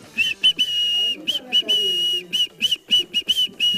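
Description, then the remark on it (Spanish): A person whistles a Christmas tune in a quick series of short and sustained notes that stay close to one pitch, loud, with no talking. “Por favor, te pido, silba de nuevo, no entendí nada.”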